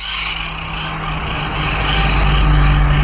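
A dense, steady chorus of crickets chirping, shrill and continuous, with a low hum underneath that swells slightly toward the end, forming the opening of a pop summer hit. No one speaks.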